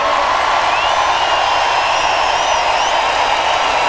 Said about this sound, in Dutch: Dames en heren, hij komt zo meteen van links of van rechts, maar als hij op komt lopen zou ik zo hard mogelijk klappen voor ons muzikaal geweten